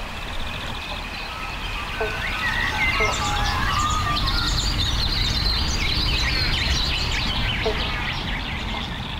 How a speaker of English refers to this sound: You can hear the frogs. There's several species calling right now. Banjo frogs or bobble bonks. I used to think it was one frog going bobble bonk, but the males, they'll start off with a bonk, and all the other males try and get as close to that